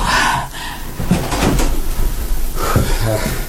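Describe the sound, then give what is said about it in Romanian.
A door is opened, with a few sharp knocks and clicks of the latch and hinge spread over a few seconds, set against a steady background. “îți poruncesc să te duci, să deschizi ușa.”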